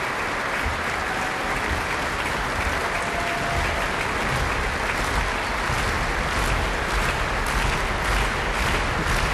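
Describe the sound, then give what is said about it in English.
Loud, sustained applause from a large Proms concert audience, joined by the orchestra, as pianist Kirill Gerstein comes back on stage, a dense wash of clapping that stays steady throughout, with no voices standing out. “Applause from the orchestra too.”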